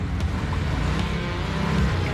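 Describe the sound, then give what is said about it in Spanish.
A motorcycle engine runs loud and steady with a low, throaty rumble and faint rises in pitch as it pulls away. No voices are heard. “Si hay problemas en el trabajo, súbete a la moto.”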